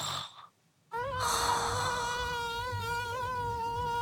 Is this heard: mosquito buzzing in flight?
yes